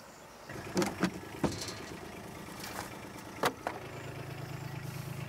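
A car that has just been driven up idles with a steady low rumble, broken by a few sharp clunks and knocks. The hum grows slightly fuller toward the end, and no one speaks.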